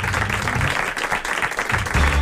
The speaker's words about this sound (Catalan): Fora aplaudiment per aquesta gent meravellosa d'aquesta banda del públic.